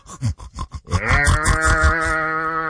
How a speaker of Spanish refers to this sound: Por un lado las vacas, los marranos gruñendo y peleándose por una cubeta.